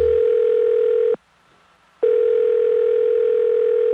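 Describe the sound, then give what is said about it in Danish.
A telephone ringback tone heard while waiting on hold in a phone queue, a steady electronic hum sounding in two long bursts separated by a brief silent pause, clear and fairly loud with no voices. “Er du også træt af lang ventetid i telefonen?”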